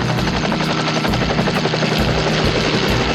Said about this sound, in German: Währenddessen startet Tom den Hubschrauber.